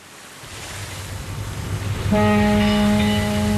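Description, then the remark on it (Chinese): Ocean surf washes steadily at a Hong Kong pier, then a passenger ship slowly docking sounds its deep horn partway through, one loud, sustained low blast that holds to the end over the rolling waves. “香港码头，一艘客轮鸣着汽笛缓缓靠岸，岸边上人头攒动，有准备上船的旅客，有送人的人，也有来接人的人。”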